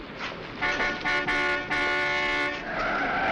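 A car's tires screech loudly in a sustained, shrill skid lasting about two seconds, with a piercing tonal whine over road noise and no voices, as the car knocks a man down in the street.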